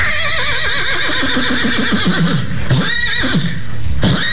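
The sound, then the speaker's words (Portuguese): A horse neighs loudly, a long quavering whinny with wavering pitch, followed by a couple of shorter snorting calls near the end, with no one talking. “Se você, em 30 segundos, se você falar o nome aqui desse cavalo aqui, ó.”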